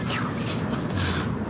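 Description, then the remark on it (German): A few seagull cries ring out, faint and intermittent, over a steady low rumble of outdoor background noise, in a city in sunny weather. “Die Möwen.”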